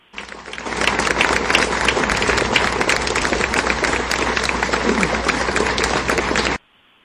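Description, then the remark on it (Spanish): A large crowd of students, with parents, family and friends present, applauds steadily for about six seconds in farewell to a young man at a university Faculty of Administration; dense overlapping claps at a constant level, then stops abruptly, leaving near silence. “Con la presencia de sus papás, sus familiares y amigos, las y los estudiantes despidieron al joven entre aplausos.”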